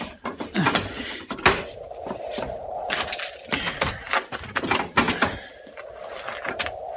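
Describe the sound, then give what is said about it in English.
A door is opened, with a series of sharp clunks and rattles and a drawn-out creak running underneath, before things quiet down. “I can manage to the door.”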